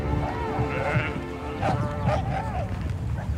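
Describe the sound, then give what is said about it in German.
Several sheep bleat in overlapping, wavering calls, some higher-pitched like lambs, over a steady low rumble of background noise, on an alpine pasture high above the village of Falcade as rain begins to fall. “Der einsetzende Regen stört die Schafe und auch die Schäferin nicht.”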